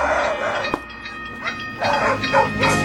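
Dogs bark in several short, irregular bursts over a steady rumbling background, the barks moderately loud, with no one speaking; animal sounds used on a pop album recording.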